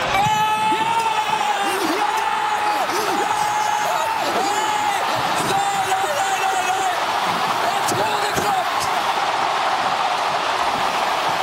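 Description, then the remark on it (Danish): A large crowd in rainy Oslo roars steadily and loudly as Norway scores against England, with shouts and whoops rising over a dense wall of noise, some sustained horn-like tones, and a few sharp bangs. “Men endelig i vores liveblog, der har vi altså fået en video fra Oslo, da Norge de scorer.”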